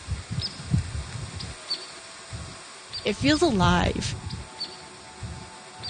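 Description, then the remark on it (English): Birds chirp faintly outdoors, with a brief, louder warbling song rising near the middle. A person speaks quietly over the soft background chirps. “And I mean, that's kind of amazing just to hear these little songs and chirps again.”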